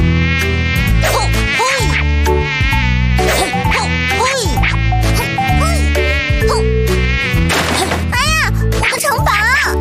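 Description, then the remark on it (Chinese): Loud, continuous whining buzz of flies and mosquitoes in a home fills the whole stretch, droning with wavering pitch while voices speak over it. “对呀，不是拍蚊子就是打苍蝇，你就不能消停一下吗？”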